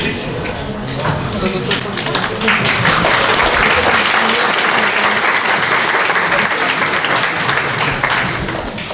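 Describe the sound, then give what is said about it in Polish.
An audience applauds loudly and continuously, the dense clapping swelling after the first couple of seconds and holding steady throughout, with faint voices mixed beneath it. “Brawa są jakby świeże, ale nie tam tego roku.”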